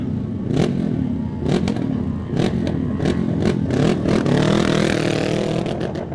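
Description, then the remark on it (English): A loud racing motorcycle engine, number 53 ridden by Dan Pearson for Pearson Racing Machine as it sets off, screams and stutters against its rev limiter, with repeated sharp cut-out bursts breaking up the steady roar, climbing into a harsher, higher wail toward the end, as light rain begins falling at the grandstand. “Hits that rev limiter as we do start to get a little skiff of rain just coming down on us here at the grandstand.”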